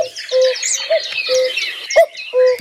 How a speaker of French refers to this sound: On est d'accord que c'est le coucou. Vous l'entendez, ce coucou?